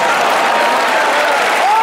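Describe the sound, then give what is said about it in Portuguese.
An audience claps steadily in a dense, continuous wash of applause, loud and unbroken, with a brief rising whistle-like tone near the end. “Eu vou pedir para melhorar esses aplausos.”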